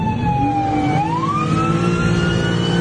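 An ambulance, missing one tire and no longer able to move, wails its siren loudly and steadily, its tone sliding slowly upward, over the low rumble of its idling engine, with no voices.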